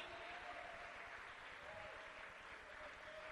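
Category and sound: crowd, audience clapping hands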